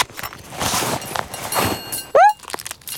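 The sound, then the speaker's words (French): Rustling and shuffling as Toudou rummages through his backpack for his packet of wafers, a steady scratchy clatter of handled contents, ending with a brief high squeak and a few soft taps. “Alors Toudou fouille farfouille dans son sac à dos.”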